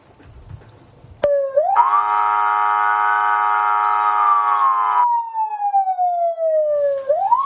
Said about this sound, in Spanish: Bueno, hombre, pues esto no me extraña que suenen las alarmas, porque el agradecimiento de Pedro Sánchez como para hacerla sonar.